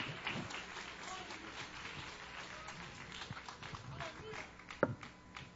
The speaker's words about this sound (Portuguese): Em nome de Jesus, a igreja recebe o céu do Senhor com palmas, palmas, palmas, palmas para Jesus.